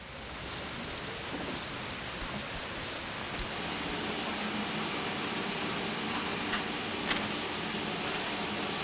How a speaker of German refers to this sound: Ne? Und wieder Regen.